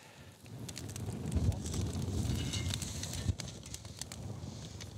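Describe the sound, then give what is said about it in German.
Oysters topped with bacon, red onions, grated cheese and thyme grill for a few minutes over an open fire outdoors: steady sizzling and hissing, with scattered sharp crackles and pops through a dense bed of noise, continuous for several seconds with no voices. “Und schließlich ein paar Minuten aufs Feuer.”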